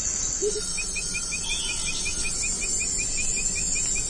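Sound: continuous insect chorus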